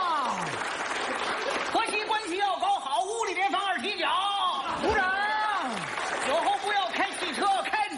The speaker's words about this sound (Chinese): 长时间鼓掌。